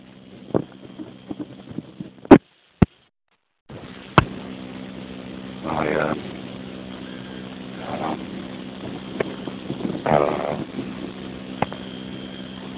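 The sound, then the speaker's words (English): Strong wind roars and buffets outdoors on a very windy day as someone walks along empty streets near an avenue and 31st Street, a steady low rumble swelling into louder gusts a couple of times, with a few sharp handling clicks and a brief dropout near the start. “But so walking around on a very windy morning, windy afternoon,”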